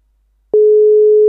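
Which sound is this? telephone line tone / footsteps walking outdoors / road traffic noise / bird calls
telephone line tone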